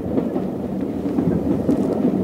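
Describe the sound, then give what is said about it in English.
A steady low rumbling throb of a moving train, continuous and fairly loud, with faint rhythmic pulses riding over the drone and no voices. “I heard her voice as clearly as I could hear the steady throb of the train.”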